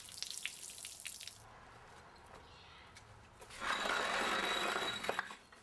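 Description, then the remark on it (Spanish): Water from an opened tap trickles and splashes in short, uneven bursts as it runs down a sidewalk toward an alley, curving and forming drops, then swells into a steadier, louder rushing flow for a couple of seconds before easing off again. “El agua se está moviendo. Hace curvas y forma desniveles. Y sigue bajando.”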